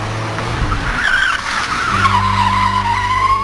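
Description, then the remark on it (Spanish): Car tires screech loudly and continuously on the curves of a road from Bochil, a high wavering squeal that slides downward in pitch over an engine's steady drone, as if a vehicle is skidding hard through a turn. “Da suerte, sobrina, no les miento, cuando escucho en las curvas, hijo, en las curvas, de verdad, así escuchaba yo, escúchenme.”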